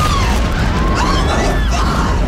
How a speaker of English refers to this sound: Oh, my God. The building's exploding right now. You got people running up the street. Right. Oh, my God. Another plane has just hit. Explosion.